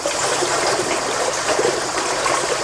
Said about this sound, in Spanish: y ahí se conservan las dos fuentes que tiene. Son dos casetas unidas a la roca en forma de cueva, de donde brota el agua.